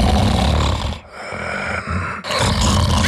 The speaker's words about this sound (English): Sound familiar? Don't ignore the snore. Snoring and tiredness could be a sign of sleep apnea.